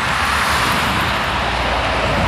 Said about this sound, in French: Voilà, sa maison, elle est littéralement au bord de l'autoroute. Depuis son jardin, on voit les voitures et camions passer à 120 km/h et elle n'en peut plus.